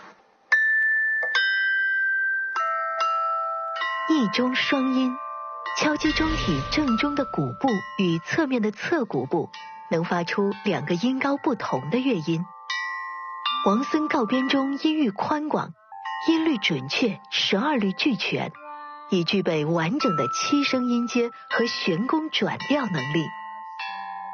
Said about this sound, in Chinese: 一钟双音，敲击钟体正中的鼓部与侧面的侧鼓部能发出2个音高不同的乐音。王孙告编钟音域宽广，音律准确，12律俱全，已具备完整的7声音阶和弦弓转调能力。